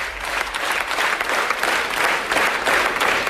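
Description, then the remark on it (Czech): A large theatre audience in Ukraine gives a standing ovation at the end of a performance, a steady, sustained roar of dense clapping that keeps an even intensity throughout, full, with no voices standing out. “Byl potlesk ve stoje, květiny a děkovačka.”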